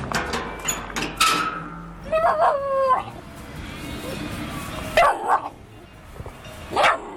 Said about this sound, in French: c'est la seule à venir vers nous en râlant, en aboyant